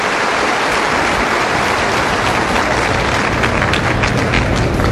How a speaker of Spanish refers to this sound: Démosle un aplauso a este amado Jesús de Nazaret, que viene a invitarnos a seguirlo.